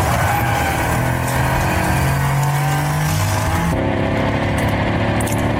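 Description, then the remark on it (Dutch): A synthesized V8-style engine roar from a new Mercedes electric sports car, loud, droning steadily with rising revs before shifting to a deeper, rumbling tone partway through. No one speaks. “Dat klinkt als een verbrandingsmotor. Dat klinkt als een V8. Ja. Maar het is een elektromotor.”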